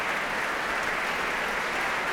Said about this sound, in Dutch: En applaus hier ook voor Ramon van Engelenhoven op piano. En voor harpiste Petra van der Heijden.